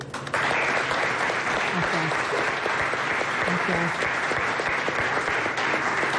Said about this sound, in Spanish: Un aplauso.